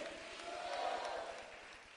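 A large crowd claps and cheers together in a steady wash of noise, with voices rising through the applause, as the people at the front and at the back give a loud round of applause to the Lord.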